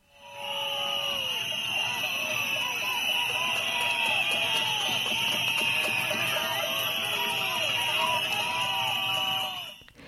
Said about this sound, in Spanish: Medio millar de personas ha recibido este miércoles a Jorge Azcón, entre pitadas, silbidos y gritos de Azcón dimisión, durante un acto institucional celebrado en la ciudad alto-aragonesa, coincidiendo con la huelga educativa.